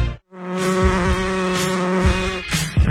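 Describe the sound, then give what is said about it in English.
A steady insect buzz with a rich harmonic drone, wavering slightly in pitch like a hovering fly or bee, continuing for a few seconds after a brief silence. “You feel that? Yeah, that's the buzz.”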